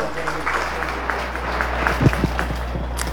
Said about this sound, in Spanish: quiero que le demos un fortísimo aplauso en esta noche.